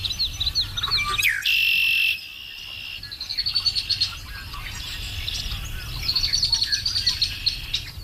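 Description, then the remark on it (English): Birds sing and chirp repeatedly in open rural Ontario wilderness, bright calls overlapping, with a steady insect-like hum and low background rumble beneath; no one speaks. “I missed the sounds of the rural Ontario wilderness, you know, the red-winged blackbirds in the morning and the whippoorwills and the bullfrogs.”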